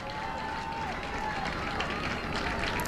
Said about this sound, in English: you hear the cheer from the Rutgers faithful who made the trip, saluting their season. And it was certainly a season worth saluting.